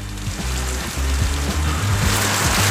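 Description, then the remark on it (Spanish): Heavy rain pours down steadily in a dense, hissing wash, with a low rumbling undertone that shifts and pulses throughout, at a flooded house in Laguna Verde, Valparaíso region; no voices are heard. “De hecho, tengo el video acá de su vivienda, donde realmente se ve que el agua no dio tregua.”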